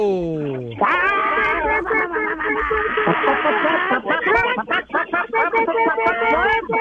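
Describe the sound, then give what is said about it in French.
Several callers on a phone line imitate clucking hens at once on a signal, a loud overlapping chorus of high, warbling bawks and cackles that starts abruptly and keeps going, sounding chaotic. “Puis à mon signal, vous allez tous jaser comme des poules.”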